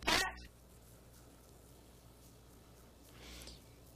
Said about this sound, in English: It's a cat. It's not a kid.